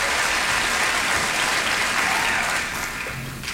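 A crowd claps steadily for a guest accordion player from Batavia, New York, sitting in with the band, in a dense, even wash of applause that holds strong throughout, then eases slightly toward the end as a few low tones surface underneath.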